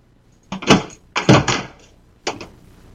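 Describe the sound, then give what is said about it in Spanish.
Three quick clusters of firm knocks on a house door, each a few sharp raps close together, fairly loud, separated by short pauses with no one speaking. “Y ahora me llaman a la puerta.”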